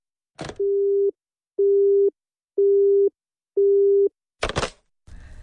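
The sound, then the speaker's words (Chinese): A click as the handset is put down after a phone call with the caller's mother, then a telephone busy tone: four steady mid-pitched beeps, evenly spaced about half a second apart, followed by another clatter and faint rustling. “妈，没别的事儿，我就挂电话了啊。”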